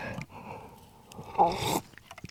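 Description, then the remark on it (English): A single slurping sip of cold latte without milk or ice from a cup, a brief airy rush of liquid drawn in mid-clip, followed by a few faint mouth sounds against a quiet background. “Let's have a sip of this iced latte, 1 second.”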